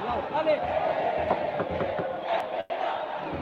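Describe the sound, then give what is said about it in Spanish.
A stadium crowd of Puerto Montt football fans chants steadily in unison during stoppage time at the end of a match, a dense, continuous roar of many voices with rhythmic surges, briefly cutting out for a split second near the end. “Se nota, se escucha clarito el cántico de la gente de Puerto”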